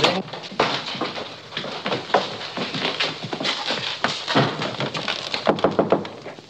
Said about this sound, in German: Klopfe bei Hoheit Zimmer. Ich muss ihn dringend sprechen.